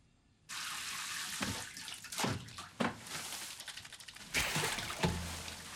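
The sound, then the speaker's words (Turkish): A steady rush of running water pours in after a brief silence, with splashes and gurgling surges as a bathtub fills, continuing loudly to the end with no voices. “Banyo yapacağım.”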